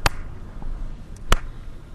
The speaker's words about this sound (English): Let's clap and see what happens. Like, to me, there's the clap, some space, but it, like that half of a microsecond later, you'll hear the echo.